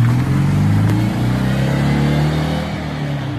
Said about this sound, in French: Le son très caractéristique de la deux chevaux qui ne sera forcément plus le même puisque la nouvelle version sera électrique.